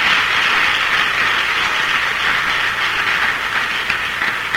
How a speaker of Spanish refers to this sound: Ayer tuvimos bautismos aquí en este lugar. Y bautizamos 87 hermanos. Démosle un aplauso a todos estos que nos bautizaron.